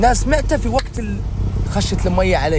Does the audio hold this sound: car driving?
yes